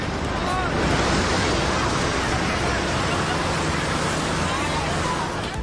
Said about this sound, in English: Police and firefighters sprayed crowds with water cannons at the Hero Square in Budapest to help residents and tourists cool off.